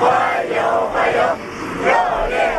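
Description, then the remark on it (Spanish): Dozens of children waving Chinese and Russian flags cheer Putin's arrival in China at the foot of the plane's stairs, in loud, rhythmic waves, their high voices rising and falling in chant-like swells, continuous throughout. “Con decenas de niños con banderas de China y Rusia que han vitoreado a su llegada, a los pies de la escalería del avión le esperaba el ministro chino de Exteriores.”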